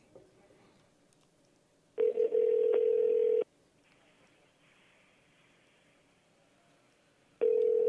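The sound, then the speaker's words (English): A telephone line rings with a steady electronic ringback tone: one burst of about a second and a half, a pause with faint line hiss, then a second ring starting near the end. “I'm trying to get a hold of this guy because, like I said, he would be the one that would say if we can give more tickets away or not.”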